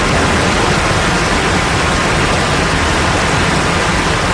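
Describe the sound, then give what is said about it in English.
A loud, steady roar of rushing water from a waterfall, dense and unbroken throughout, with no pauses or changes in intensity and no voices. “A loud and intrusive natural sound, such as a waterfall, has evolved as part of an ecosystem”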